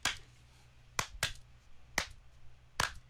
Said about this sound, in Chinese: 我谂起嚟有一首歌好正噶。 嗯。 拍手啊！